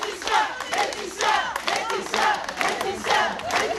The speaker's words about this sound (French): Et comme chaque jour à la sortie du tribunal de Digne-les-Bains, une vingtaine de membres du collectif 8 mars toute l'année l'ont applaudi, cette fois plus longuement peut-être.